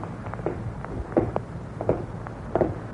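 Slow, steady footsteps thud in an even rhythm, roughly one every three-quarters of a second, with softer scuffs between them, following a man along a long, dark street. They are moderately loud, with no voices.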